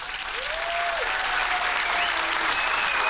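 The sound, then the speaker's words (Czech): An audience claps steadily for about three seconds for the week's contest winner, a dense, even wash of applause with no voices, while a faint thin whistle-like tone drifts faintly underneath. “Tak potlesk pro našeho výherce týdenního.”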